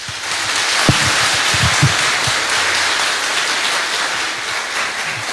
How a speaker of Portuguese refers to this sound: Acolhamos com a salva de palmas.